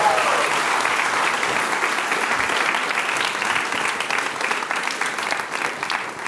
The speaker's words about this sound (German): Wir bedanken uns bei dir. Riesen Applaus.